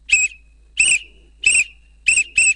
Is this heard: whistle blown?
yes